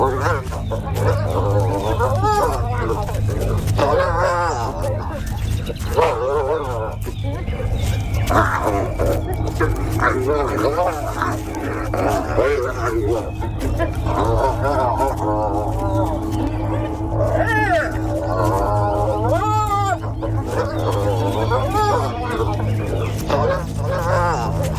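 Spotted hyenas fighting, a clan leader and her daughter attacking each other: a steady loud tangle of wavering squeals, yelps and cackling cries, rising and falling in pitch over a constant low rumble for the whole stretch.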